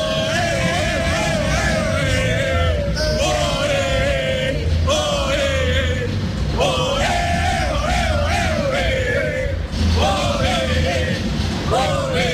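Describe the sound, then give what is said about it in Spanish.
A large crowd of Colombia football fans at the Estadio Azteca shouts and chants loudly and continuously, voices rising together in sustained yells that fill the whole stretch without pause. “Acá sí, lo que ven, mira cómo están gritando todos los hinchas de Colombia.”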